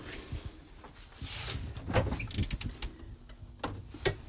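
A refrigerator door is pulled open, herb-coated dough balls are set back inside with a few light clunks and rattles, and the door thuds shut, with no one talking.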